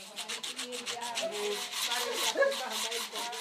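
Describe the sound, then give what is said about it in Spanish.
Knives being sharpened in the building of the Marine Cultures organization in Jambiani: a quick, steady run of rasping, scraping strokes, roughly five per second, with a faint metallic ring partway through. No one speaks. “En el edificio de la organización Marine Cultures se afilan los cuchillos.”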